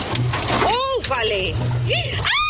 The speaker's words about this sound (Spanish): Está cayendo unos porrazos de agua